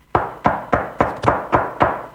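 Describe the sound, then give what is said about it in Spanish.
Seven sharp knocks on a door in a quick, steady rhythm, each a solid thud with a short ring-out, and no voices. “¿Sabés lo que es golpearle la puerta a Otamendi y ir a explicarle que sale?”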